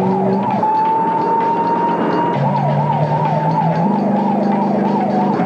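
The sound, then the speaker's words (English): An ambulance siren blares, a long steady wail giving way to quick rising-and-falling sweeps, over a low engine drone, with no one speaking. “Kind of a minimalist ambulance.”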